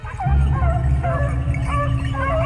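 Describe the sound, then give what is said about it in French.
A pack of about a dozen pedigree beagles, bred in a garden, barking and baying together in their enclosure, their overlapping yelps and drawn-out cries running continuously at a steady volume over a low rumbling background. “Les animaux aboient dans leur enclos”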